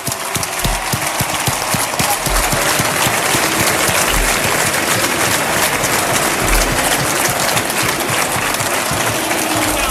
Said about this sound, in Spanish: Así que un fuerte aplauso para María, que está viéndonos desde arriba.